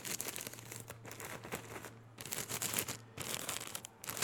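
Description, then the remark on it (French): Paper is crumpled, a dense crackling and crinkling that comes in bursts with brief pauses, over a faint low hum. No one speaks. “J'aime le son du papier froissé.”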